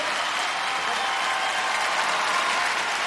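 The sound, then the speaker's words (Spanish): Steady, loud applause from an audience welcoming the first guest of the evening, a dense wash of many hands clapping without pause for the full three seconds, with no voices rising above it. “Yo quiero que usted reciba con un fuerte aplauso en esta noche a nuestro primer invitado.”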